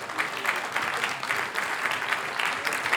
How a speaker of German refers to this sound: Das merkt man auch beim Tanzen, das sieht man, ja, kräftigen Applaus, Dankeschön dafür.